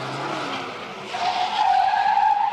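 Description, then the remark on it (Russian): A car skids with a loud, high tire screech as it chases a man on foot. The screech builds and holds through the second half, over rumbling engine noise, intense, with no voices. “Машина догоняет его.”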